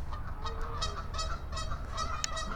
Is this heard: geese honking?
yes